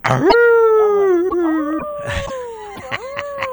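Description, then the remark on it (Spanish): A wolf howls once, a long, loud, wavering call that rises sharply, holds, then slowly falls, with a few faint clicks and rustles around it. “Esta noche sale el lobo.”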